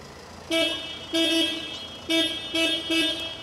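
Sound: car horn honking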